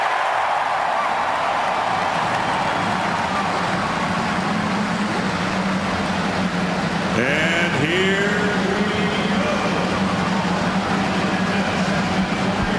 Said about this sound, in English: The field of 33. The cars roar to life as we get ready for the 106th running of the Indianapolis 500-mile race.